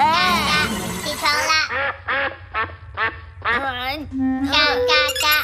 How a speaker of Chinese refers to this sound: 这声音太难听了。 闹铃程序和声音是小头爸爸设定的。嘎嘎嘎，起床啦。